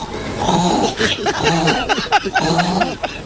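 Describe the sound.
A woman's voice on Basque regional television, ETV, imitates a series of animal noises in quick succession, including a pig, a hen and a donkey, with snorting, grunting and squawking calls, some pitched and warbling, others rough and guttural, filling the whole stretch.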